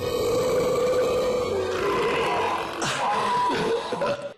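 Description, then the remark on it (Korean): A long, drawn-out burp from gas after drinking a carbonated soft drink rumbles low and loud for about four seconds, shifting in pitch and texture before trailing off abruptly at the end. “탄산음료를 마시면 탄산가스 때문에 트림을 더 많이 자주 하게 되는 거야.”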